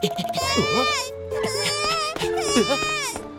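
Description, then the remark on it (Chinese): A baby with no one looking after it wails loudly in a few long, rising and falling cries, with short breaths between them and a faint steady tone underneath. “这个宝宝怎么没人照顾？乖，不哭。”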